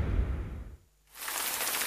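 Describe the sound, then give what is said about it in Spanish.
Steady rain hiss with a low rumble underneath, briefly dropping to near silence before a bright, dense downpour returns and continues evenly to the end. “La lluvia.”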